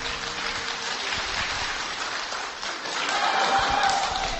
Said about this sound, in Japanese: はい、皆さん、温かい拍手ありがとうございます。